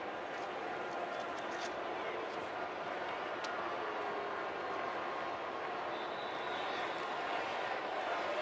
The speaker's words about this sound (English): Crowd's chanting something. I just don't know exactly what it is. It's Houday for the Bengals fans here.